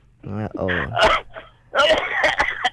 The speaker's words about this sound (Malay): Kan batuk pula.